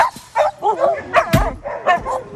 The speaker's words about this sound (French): Et là, la subtilité, c'est de sortir les chiens l'un après l'autre sans qu'ils sortent tous en même temps.